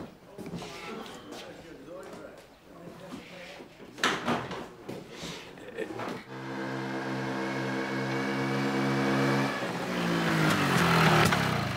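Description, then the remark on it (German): After some muffled voices and clattering, a moped engine outside a village pub kicks in and runs loudly, its buzzing pitch climbing as it revs steadily higher toward the end. “Läuft wie Sau, die Mofa.”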